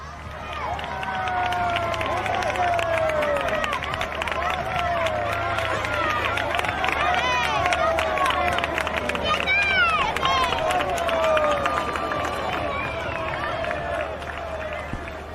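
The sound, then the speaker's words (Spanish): A large crowd applauds and cheers as the winning racehorse, number 7 Lucky Lady, approaches the finish enclosure after the fourth and last race of the afternoon, in a steady, dense wash of sound, with shouts and babbling voices mixed in throughout, sustained at an even level for the whole stretch. “ahí al caballo vencedor, indiscutible, de esta carrera, el número 7, el caballo Lucky Lady, con la monta de Nicolás de Julián, acercándose a este recinto de llegada de las piletas, entre los aplausos del público que estamos viendo en estas imágenes.”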